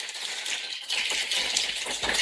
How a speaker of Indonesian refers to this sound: Boleh dong ya untuk menyemangati kita di sore hari ini dan mengapresiasi semua ya di sore hari ini. Boleh saya minta kita kasih tepuk tangan yang paling meriah.